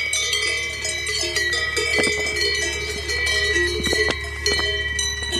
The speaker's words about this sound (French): Mais non, j'ai choisi de vous parler des cloches des vaches, puisque ce doux son m'a suivi la quasi-totalité des 8 jours passés à pédaler dans les alpages.